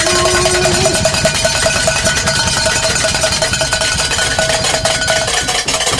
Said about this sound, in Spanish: Y vamos a darle. No llegaron los mariachis, pero llegaron las campanas. Una, dos, tres.